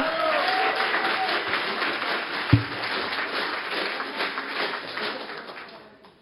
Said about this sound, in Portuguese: Palmas para a